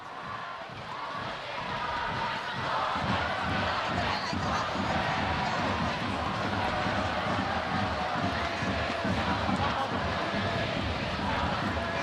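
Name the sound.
football fans cheering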